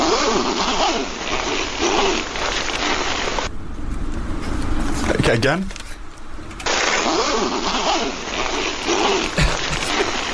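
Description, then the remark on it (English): A zipper is pulled in two long, raspy ratcheting runs, fairly loud, separated by a short gap where someone speaks briefly. “Okay, here's number two. Zip number two.”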